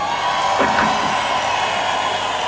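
A concert crowd cheers in a steady, dense roar of many voices, with a few louder whoops rising briefly near the start and no clear speech.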